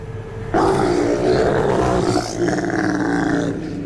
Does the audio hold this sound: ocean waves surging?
no